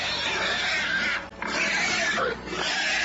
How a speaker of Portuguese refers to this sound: E o barulho deste carro assustou os porcos da casa da Sofia. E os porcos começaram a grunhir.